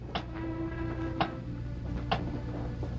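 A big clock ticks slowly and steadily, about one crisp tick per second, over a low, constant hum. No one speaks.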